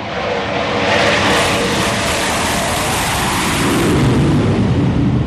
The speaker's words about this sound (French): Voilà, les rafales sont à l'aplomb du porte-avions. Donc là, ils sont en train de revenir de leur mission Mars Strike. Ils orbitent autour du porte-avions et donc ils se configurent petit à petit pour se préparer à l'appontage.